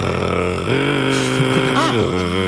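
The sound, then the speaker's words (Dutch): A person imitates a European nightjar's churring song with a continuous, buzzing motor-like drone, loud, shifting pitch a couple of times as if changing gear. “Heb je een ezelsbruggetje voor de nachtzwaluw? Ja, hij klinkt eigenlijk een beetje als een motortje.”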